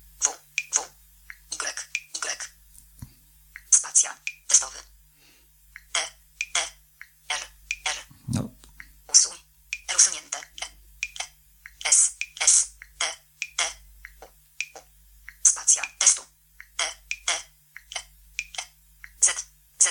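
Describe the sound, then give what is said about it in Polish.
A steady run of quick, light taps on a touchscreen keyboard, dozens of crisp clicks in irregular bursts with brief pauses, as someone types the word "test". “Ja nie jestem zwolennikiem pisania na klawiaturze dotykowej i no nie jest to rozwiązanie, które mnie akurat osobiście przekonuje.”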